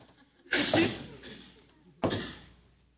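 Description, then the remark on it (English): A door opens with a sudden noisy burst that trails off over about a second, followed by a second, similar burst of scraping, rustling sound. “The door! It's opening!”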